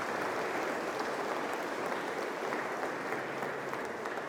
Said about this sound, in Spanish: Tenemos esto, damos un fuerte aplauso por estos 100 años, más de 100 años de los grupos apostólicos.